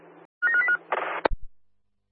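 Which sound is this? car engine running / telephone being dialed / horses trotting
telephone being dialed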